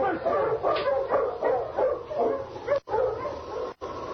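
sled dogs barking

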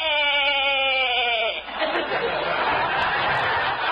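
sheep bleating

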